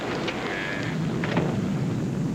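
Steady, dense rain falls during a thunderstorm, hissing continuously, with a low rumbling undertone of thunder and a few brief sharper spatters standing out from the wash.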